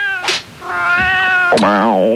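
A cat meows loudly, a short cry followed by a long drawn-out meow and then a wavering, yowling one, with no talking.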